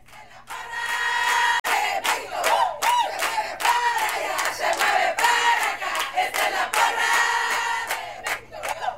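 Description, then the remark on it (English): A crowd of parents cheers and shouts loudly and continuously at a Little League baseball game for a Tijuana team representing Mexico, voices overlapping in excited whoops and calls, with sharp bursts of yelling rising above the steady roar. “These parents aren't cheering for just any Little League baseball team.”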